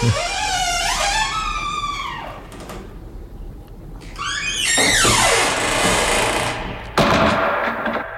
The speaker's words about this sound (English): Sounds like a door being closed by a wizened hand with long, dirty fingernails. Closed up for another week.